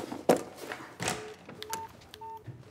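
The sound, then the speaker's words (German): A handful of short electronic keypad beeps as a guest dials a call on his mobile phone, spaced a beat apart at moderate volume, preceded by a few soft knocks and handling noises. “Der telefoniert.”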